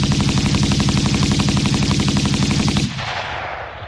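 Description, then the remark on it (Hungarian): A rapid, sustained burst of automatic rifle fire as a guard empties a magazine into a shadow, loud, with evenly spaced shots hammering for about three seconds before cutting off into a fading echo. No voices are present. “Mikor a második felszólításra sem kapott választ, beleeresztette a tárat az árnyékba.”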